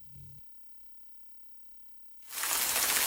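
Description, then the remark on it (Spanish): After a brief low thump and a quiet pause, a loud, steady hiss of rain sweeps in and keeps pouring, dense. “La lluvia.”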